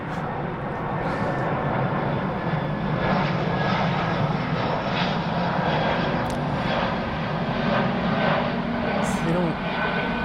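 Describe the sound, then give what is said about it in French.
A steady, loud airplane engine drone fills the whole stretch, a broad continuous roar that holds level throughout without fading, with faint bits of voices beneath it. “On va attendre que l'avion soit passé, peut-être.”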